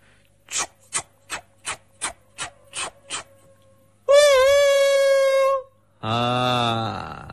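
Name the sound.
train sound effect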